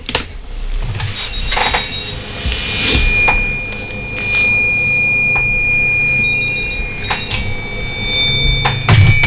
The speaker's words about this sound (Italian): Aspettate che vediamo chi c'è in linea. Telefonata.